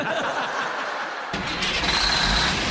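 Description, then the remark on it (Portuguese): A truck engine turns over and catches in the early hours before dawn, then settles into a steady rumble that swells louder as the truck pulls away onto the road, with no voices over it. “Ele sai logo de madrugada e vai pegando a estrada com seu caminhão.”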